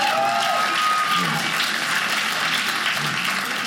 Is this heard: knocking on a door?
no